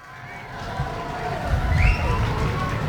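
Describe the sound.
An audience roars and cheers to welcome the women's gong kebyar group Kusumasari of Candi Kusuma village, Melaya district, representing Jembrana Regency, as it enters the open stage. The voices form a dense, continuous wash that swells louder toward the middle, with a few higher shouts or whistles rising above the din.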